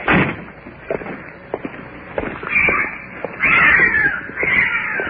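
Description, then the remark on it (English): A cat yowls in several drawn-out, wavering cries, loud and fairly high-pitched, with short thumps and clicks scattered between them and no talking. “It's a cat. What is that? It's a cat.”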